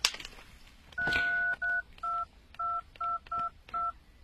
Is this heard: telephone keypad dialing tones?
yes